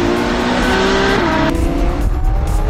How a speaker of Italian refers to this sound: Quindi tutti gli appassionati di auto, di motori e quant'altro, occhio, o meglio orecchio, perché poi è quello, no? Cioè il rombo del motore della Formula 1 è molto particolare.